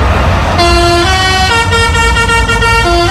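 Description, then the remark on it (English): A lorry carrying pods for a fair big wheel sounds its musical air horn as a greeting while turning into Walton Street, Hull, blaring a loud, bright melody of stepped notes like a children's tune over a low engine rumble, with no talking. “The truck beeps …, which is incredible for Hull Fair”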